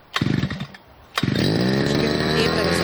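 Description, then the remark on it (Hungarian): A petrol brushcutter engine, pull-started at 8 a.m. for a test cut, sputters briefly, falls quiet, then catches with a sharp start and keeps running at a loud, steady idle. “Figyelj, beindítja a videót, vett arra, hogy kell beindítani a fűkaszát, megőrülsz.”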